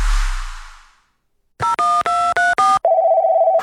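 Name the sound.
telephone number being dialed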